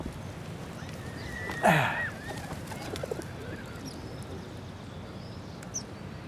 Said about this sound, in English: What, do you think the pigeon's gonna miss you?